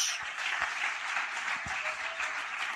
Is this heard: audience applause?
yes